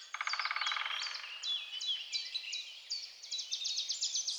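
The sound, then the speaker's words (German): A dense chorus of birdsong fills a forest, with overlapping chirps, trills and whistled phrases from several birds at once, steady, with no voices. “Die Melodien der singenden Waldbewohner. Ja, ein ganzes Vogelkonzert war zu hören.”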